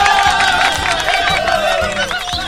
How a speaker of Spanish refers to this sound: Bueno, qué maravillosa interpretación de Caro, un aplauso.